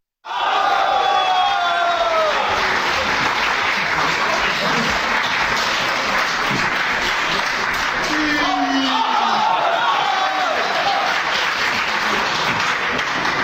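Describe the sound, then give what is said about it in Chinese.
A large audience applauds loudly and steadily for about thirteen seconds, welcoming Guo Degang and Yu Qian to perform the crosstalk piece "Henan Opera", a dense wash of clapping with scattered cheers and shouted voices rising through it. “来听一段郭德纲和于谦合说的相声《河南戏》，咱们掌声有请。”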